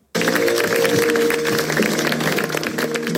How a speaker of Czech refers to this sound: Poctu lidé vzdali ještě před smutečným obřadem v katedrále svatého Patrika potleskem.